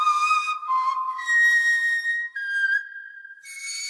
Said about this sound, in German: spielt auf einem Nachbau der Gänsegeierknochenflöte. Vielleicht hat sie so ähnlich geklungen, die früheste Musik unserer Vorfahren.